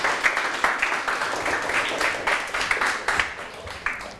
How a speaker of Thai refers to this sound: ปรบมือให้ทั้ง4กลุ่มเลยครับ